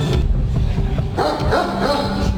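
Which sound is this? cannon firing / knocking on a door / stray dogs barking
stray dogs barking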